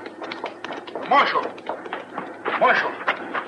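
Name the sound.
horse galloping away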